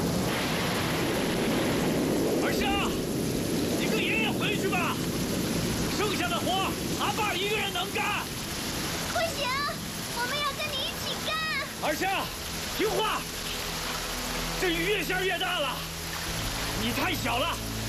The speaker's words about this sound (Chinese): 这雨越下越大了